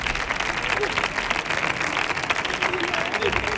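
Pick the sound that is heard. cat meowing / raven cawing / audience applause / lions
audience applause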